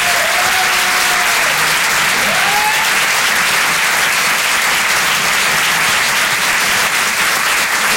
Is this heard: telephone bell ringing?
no